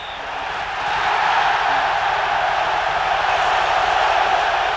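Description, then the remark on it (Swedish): A huge stadium crowd in the Argentine capital roars in celebration of Argentina's goal making it 3-1 against the Netherlands in extra time, the dense wall of cheering swelling within the first second and then holding loud and steady throughout. “Arenan exploderar i jubel.”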